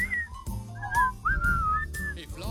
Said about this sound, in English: Oh, and I want to hear you. Can you whistle? Oh, yeah.